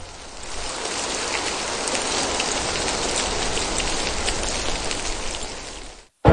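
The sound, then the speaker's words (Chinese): Heavy rain pours down steadily, a dense hiss of countless raindrops pattering on surfaces, holding an even intensity for about six seconds before cutting off abruptly. No one speaks. “颗颗雨滴犹如落在了大家的心头。”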